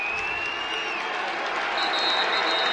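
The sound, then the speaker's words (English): A basketball crowd at a tournament game involving the Yale Bulldogs cheers and roars steadily throughout, with under 50 seconds left in regulation, while a referee's whistle shrills over the noise, one long tone early and another high blast near the end, for a timeout called by Coach Gary Gate. “Fans on their feet. Whistle blows.”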